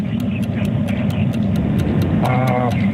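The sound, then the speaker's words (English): A radio quiz caller's truck in Elyria, heard over the phone line, rumbles steadily with a deep, constant low engine drone, while a faint voice-like tone briefly rises near the end. “got a loud truck.”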